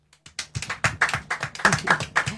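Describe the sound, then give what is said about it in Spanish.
A short burst of applause from a small group for Malvinas war veterans, hands clapping quickly and a bit unevenly, moderately loud, with no one speaking over it. “Aplausos, aplausos.”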